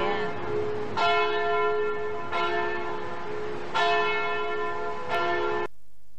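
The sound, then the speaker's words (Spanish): A church bell tolls in a slow, steady rhythm, with about four strikes. Each one blooms into a rich, lingering ring that overlaps the next before the sound cuts off abruptly. “Campana de la iglesia, ¿puede ser?”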